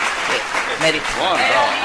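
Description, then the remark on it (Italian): An audience claps steadily for about two seconds as someone exits, a dense, even patter of hands, with a few voices rising faintly through the applause toward the end. “Scusa un momento, l'applauso perché esci.”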